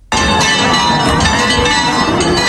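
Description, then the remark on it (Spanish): Church bells in the village of El Rocío peal loudly and continuously at about 3 a.m. on Pentecost Monday as the Virgin leaves her sanctuary, their layered metallic tones ringing together and overlapping with a dense, sustained clangor from start to finish. No voices are heard. “Y así repican a esta hora las campanas en la aldea del Rocío, porque a las 3 y 2 minutos de la mañana la Virgen salía de su santuario en busca de sus hermandades filiales en este lunes de Pentecostés.”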